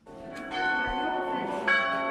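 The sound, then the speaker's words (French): Two church bells in the renovated monastery tower of Lérins Abbey ring together, their overlapping tones sustaining in a rich, resonant hum, with fresh strikes adding brighter accents; steady throughout, no voices. “Les deux cloches sonnent et redonnent une dimension sonore et liturgique à la tour monastère.”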